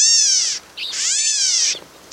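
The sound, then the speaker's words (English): A California gnatcatcher gives two drawn-out, nasal, kitten-like mews, each rich and buzzy, separated by a short pause, with a third call just starting as the sound cuts off. “California gnatcatchers look and sound much the same.”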